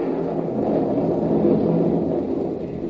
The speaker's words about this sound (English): Not with all this rain coming down. Yeah. Oh, it's really pouring now, isn't it?